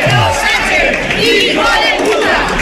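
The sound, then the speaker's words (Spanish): A large crowd of hundreds of people in Castellón, Spain, shouts "invasión" in unison, interrupting a manifesto being read by the People's Party mayor; a loud, sustained chant of many overlapping voices with rising and falling tones, like a protest slogan being yelled together. “Es un grito, un cántico que se ha repetido en buena parte del país.”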